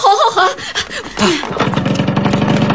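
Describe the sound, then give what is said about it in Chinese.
A motorcycle engine, ridden on the road to the border, rumbles, settling into a steady, rapid chugging after a brief stretch of wavering, revving tones at the start. It's loud and runs continuously to the end. “那个摩托车路走，你等一下，我一会儿一个摩托车来，你等一下。”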